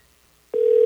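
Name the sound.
phone ringing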